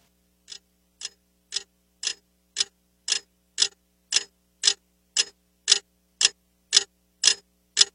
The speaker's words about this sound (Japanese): 部屋の中の物音は安っぽい目覚まし時計の針の音だけだった。